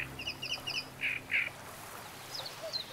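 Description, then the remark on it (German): A great reed warbler sings in a reed bed, a harsh, croaking phrase: a quick run of grating chirps, then two louder rasping notes and a few fainter calls, clear over a low background hum. “Im Röhricht hat ein Drosselrohrsänger sein Revier.”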